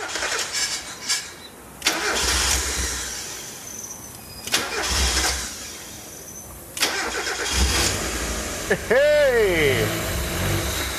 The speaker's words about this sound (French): Ah, elle a calé. Mais le moteur marche et la pression d'huile est très bonne. Je sais pourquoi ça a calé. Il y a un débitmètre qui manque.